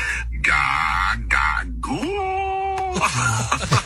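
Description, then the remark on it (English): An AI-generated voice imitates a newborn baby's cry as a background sound, in several short wailing bursts, with a sustained tonal, rising-then-falling whimper in the middle, fairly loud with no other talk. “Can you just, like, make the sound of a baby in the background so I can say I gotta go?”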